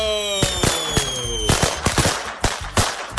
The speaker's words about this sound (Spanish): ¡Aguas, aguas, aguas! ¿Serán cohetes o...? No, aguas, no nos vaya a pegar uno.